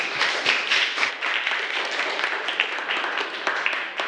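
A school crowd applauds group 3 after its persuasive talk on wearing school uniform properly, steadily for about four seconds, a dense rattle of many hands clapping with sharp individual claps standing out, loud and sustained with no one speaking over it.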